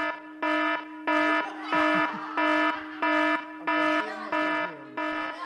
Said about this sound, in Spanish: Va a sonar la alarma de evacuación, chaval. Van a tener que ir los bomberos hoy ahí.